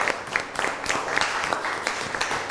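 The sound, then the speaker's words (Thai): A class applauding group 1 of their classmates after a presentation, a steady patter of many overlapping claps at even loudness across the whole stretch, with no voices over it. “ขอเสียงปรบมือให้เพื่อนกลุ่มที่1หน่อยครับ”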